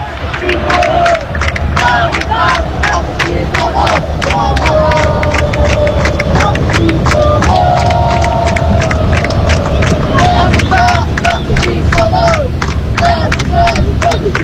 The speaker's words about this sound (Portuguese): Só pra vocês sentirem um pouquinho da torcida aqui direto do Maracanã.